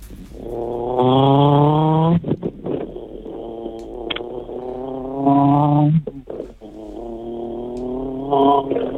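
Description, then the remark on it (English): A voice imitates a revving car engine with the mouth, a buzzing, droning hum that swells into three loud revving bursts, with steady lower engine-like rumbling in between. “you need to give us your best car sound. It can either be a car revving, it can be a burnout, it can be a race, it can be whatever you want.”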